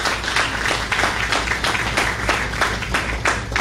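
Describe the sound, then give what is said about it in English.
Steady applause from an audience after an announced upgrade of the fairgrounds' electrical systems, dense overlapping claps holding at an even level throughout, with no one speaking over it. “Getting applause for electrical wires is one of our great accomplishments.”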